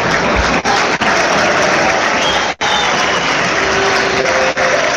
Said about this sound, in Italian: Ed c'è anche Mendy. Gli applausi per Maldini e Mendy.